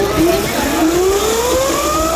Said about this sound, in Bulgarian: Да покажем звука, състезателния звук, който се чува и да видите как този компактен електрически мотор, каква скрита мощ има в него.